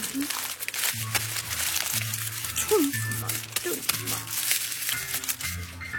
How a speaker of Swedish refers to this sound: Mint knycklar ihop teckningen i 1000 knyck.